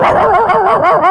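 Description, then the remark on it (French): A person imitates a dog with their mouth, making a rapid string of yappy, barking yelps, fairly loud, with no words spoken. “Non mais en vrai, c'est impressionnant, c'est-à-dire je refais tout ce que je veux avec ma bouche. Regarde, attention. Un chien.”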